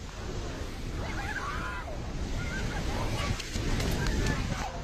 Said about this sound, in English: Video shows the force of the flood carrying off a bridge and collapsing buildings as muddy water surges through the mountains.